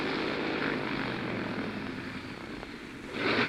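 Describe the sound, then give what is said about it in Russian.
A propeller airplane engine drones loud throughout over mountains at 3500 metres altitude, its note faltering unevenly with a brief dip before surging again near the end, like an engine starting to sputter. “Мотор чихает. Я над горами.”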